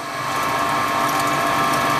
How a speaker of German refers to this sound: Es ist eine Pumpe, die Wasser aus dem eigenen Brunnen in Richtung der Sprenkleranlage auf dem Fußballfeld nebenan befördert.